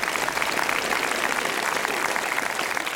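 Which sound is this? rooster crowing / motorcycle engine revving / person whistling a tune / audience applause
audience applause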